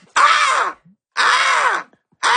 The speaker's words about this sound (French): C'est une mouette américaine. Oui, oui. Parce que elle a un accent ou elle a un petit gris aigre. Elle est en crisse.